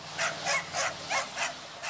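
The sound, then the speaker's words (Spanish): A dog barks and whimpers in a steady series of about six short, high yelps, evenly spaced, with no voices or other sounds around them. “Vida de perros.”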